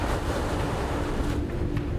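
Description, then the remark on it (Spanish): A steady, loud roar of stormy wind and churning sea fills the whole stretch, with the tide going out and the wind blowing against the boat, a dense rushing wash with no pauses and no voices. “El mal tiempo y la tormenta llegaron antes de lo esperado.”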